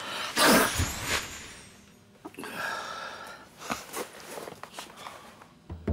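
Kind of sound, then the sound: human body sound, sneeze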